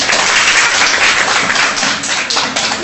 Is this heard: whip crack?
no